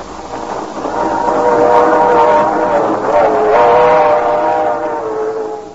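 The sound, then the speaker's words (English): A train to Miami travelling along, its steady rumble joined by a long, wavering whistle-like tone that swells and dips over about six seconds, fairly loud throughout, with no talking. “But on a train to Miami...”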